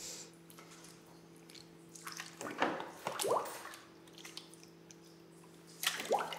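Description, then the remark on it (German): Wet squelching and squishing as a salt-brined, dried fish is pushed onto a smoking rod threaded behind its spine, a few handling bursts of the slippery fish being worked, with a steady low hum underneath and no talking. “Da hin ist jetzt der Rumpfstab, den habe ich durchgesteckt, hinter der Wirbelsäule.”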